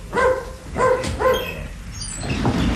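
A dog lets out three quick, whiny barks in a row, fairly loud, with a whimpering pitch, then quiets into a low background rumble.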